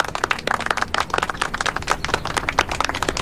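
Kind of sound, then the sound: crowd, group of people clapping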